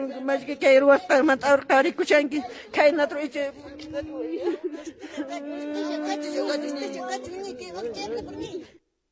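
Grieving family members, including mothers, cry and whimper, starting with choppy, broken sobs and shifting into a long, wavering wail that holds for several seconds before stopping abruptly.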